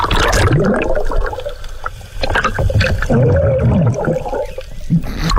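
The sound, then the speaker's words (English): A sea turtle slaps a diver underwater: muffled thumps and knocks over continuous loud bubbling and swirling water, with no clear speech. “He got turtle slapped.”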